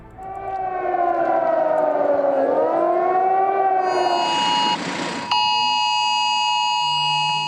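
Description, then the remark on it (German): A mobile phone emergency warning alarm, a test alarm on Germany's National Warning Day on a Thursday, blares loudly. It is a shrill, wavering multi-tone wail that sweeps down and up, then a burst of noise, before it switches to steady piercing high tones. No one speaks. “Dieses schrille Geräusch hat viele von uns auf dem Handy erreicht an diesem Donnerstag, dem Nationalen Warntag. Probealarm.”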